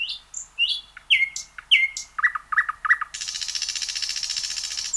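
A nightingale sings alone, close and clear: varied whistled phrases and repeated chirps build into a rapid, buzzing trill that runs steadily to the end.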